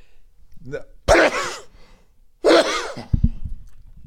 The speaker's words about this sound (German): Wenn man niesen muss, dann hält man das Mikro irgendwo anders hin. Das wäre jetzt sinnvoller gewesen. Ich hab die Hand vor den Mund gerade.